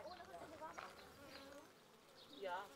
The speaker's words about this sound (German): Ebenfalls eine Mutprobe, an einem Bienenstock mit 20.000 Bienen herantreten. Nicht in Panik geraten. Ganz ruhig.